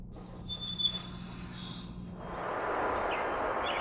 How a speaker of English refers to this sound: And they'll be suspended and they'll be playing bird song data, which is actually a biologist's data, Dr. Flanagan from the University of Lethbridge. And it is the returning of birds to a severely burned forest post-fire.